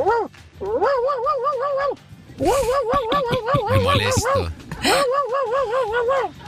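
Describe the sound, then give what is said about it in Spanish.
A caller from Banfield imitates their cat Anita meowing: three long, wavering, whiny meows, loud, with a rougher, noisier vocal burst in the middle one. “voy a imitar a mi gatita Anita.”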